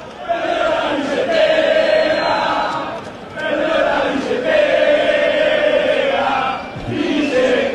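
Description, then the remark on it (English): A large crowd of football fans from Argentina and some Americans at a World Cup game in Dallas, Texas, chants a person's name in unison, a loud sustained roar of voices rising and falling in repeated phrases, with brief dips between each round of the chant. “Now, imagine you're in this crowd, and it's your name being chanted.”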